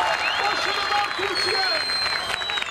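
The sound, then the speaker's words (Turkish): A large crowd with Turkish flags cheers and applauds continuously in support of the Turkish national team at a giant screen in Konak Square, İzmir. Clapping and shouting blend into a dense, steady roar, with scattered whistles rising above it throughout. “Çok sayıda kişi Türk bayraklarıyla tezahüratlarla milli takıma destek verdi.”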